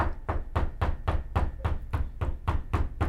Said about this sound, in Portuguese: Aqui é a polícia, meu filho! É a polícia! A Polícia Federal está batendo na sua porta, Ciro! Abre a porta, Ciro!